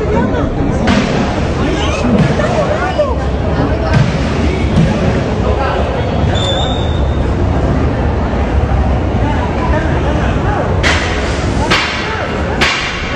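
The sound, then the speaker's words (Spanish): Sharp gunshots crack out as armed robbers storm a jewelry store in Santa Cruz, a few scattered early on and then a quick cluster near the end, over a dense, noisy background of commotion and indistinct voices. “Ponelo el video con audio para que podamos escuchar cómo ingresan a punta de disparos.”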